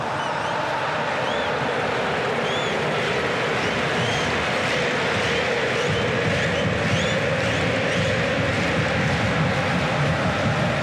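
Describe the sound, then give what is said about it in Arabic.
A dense, continuous roar of a large crowd of Argentine football fans in a stadium in Dallas, with whistles and rising chants cutting through the steady wash of thousands of voices. “جنون الأرجنتينيين وصوت الجماهير الأرجنتينية هنا في دالاس”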